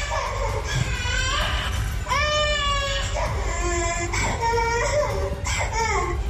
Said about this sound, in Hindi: Video में बच्चा toilet में बंद है, फर्श पर लेटा हुआ है और जोरों से रो रहा है। एक महिला बच्चे के बिलखने का वीडियो बना रही है।